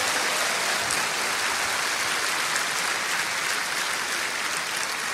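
A large church audience applauds continuously for Christ at a service of Iglesia Cristiana Filadelfia JB, a dense, steady wash of clapping that holds at a loud, even level throughout with no voices breaking through.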